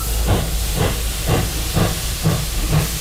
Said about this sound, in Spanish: La verdad es que este tren es un poco como de vapor, ¿no?